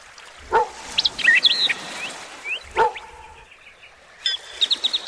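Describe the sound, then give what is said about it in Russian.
A dog barks twice, a couple of seconds apart, sharp, on the shore of a lake where a boy plays with it, while small birds chirp and twitter steadily in the background outdoors. “Андрей играл со своей собакой на берегу озера.”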